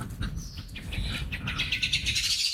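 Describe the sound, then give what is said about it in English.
A bird sings a lively series of high, rapid chirps and trills that grow busier toward the end, over a low outdoor rumble. No one speaks. “Oh, love that bird singing.”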